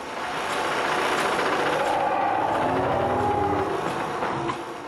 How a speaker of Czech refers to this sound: Náhle zazněl z vnitřku ponorného člunu zvuk otevírané závory. Jeden z plátů se zvedl a k trosečníkům beze slova vystoupilo 8 statných chlapíků.